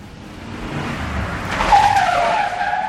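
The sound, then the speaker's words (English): A taxi approaches with rising engine rumble, then its tires squeal sharply as it skids to a stop, the screech sliding downward for over a second. “Look, a taxi.”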